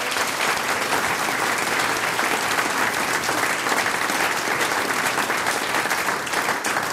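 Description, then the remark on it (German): A large audience claps steadily for several seconds, a dense, continuous wash of applause that stays loud and even throughout with no voices rising above it. “Das ist euer Applaus, Dankeschön, dass wir wieder da sein dürfen.”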